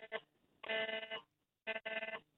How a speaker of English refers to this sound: as we're talking, there's another alert coming on. There's another alert coming through on all our phones.